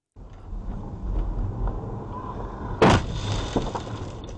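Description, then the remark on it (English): Steady road and engine rumble from inside a moving car, then a single loud, sharp crash as a high-speed e-motorbike rider slams into the car, followed by a smaller knock and continuing road noise. “The moment a high-speed e-motorbike rider crashed into”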